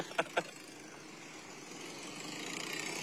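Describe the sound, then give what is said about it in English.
Old trucks' engines idle in a parade, rumbling steadily in a broad, noisy drone that slowly grows louder, with two quick sharp pops near the start and no voices. “Looks like those old trucks.”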